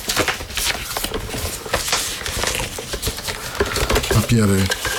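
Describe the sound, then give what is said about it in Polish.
Continuous rustling and crinkling of paper with scattered sharp rattles and taps as papers are taken out of a second, inner box and handled. A brief voiced sound rises near the end. “W pudełku mamy papiery. I rzeczy inne. O, rozbiorę.”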